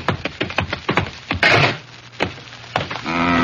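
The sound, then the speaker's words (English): A door opens with a run of quick wooden clicks and rattles, a brief scraping rush, then a steady, buzzing creak of the hinge at the end. No one speaks. “Try the door”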